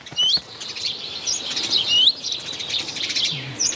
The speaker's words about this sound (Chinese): 雀鹰站在屋顶上，观察着周围的动静。一只赭红尾鸲发现了它，随即发出警报。